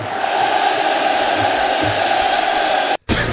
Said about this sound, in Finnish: Tämä niin kuin jäätävän kuulosta, kun yleisö laulaa, vaikka kappale on loppunut minuutteja sitten. Niin tässähän on tällainen futisottelun tunnelma vähän, eikö se ole?